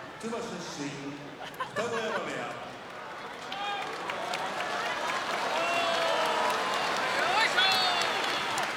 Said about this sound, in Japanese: 今歓声が上がっているのは東の土俵、ここまで4連勝としている琴恵光の四股に対してです。左足を高く真上に上げてゆっくりと下ろす四股に歓声が館内湧き上がっています。